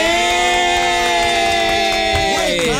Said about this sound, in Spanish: Así que por favor, fuerte el aplauso